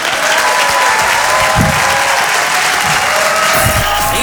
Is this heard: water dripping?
no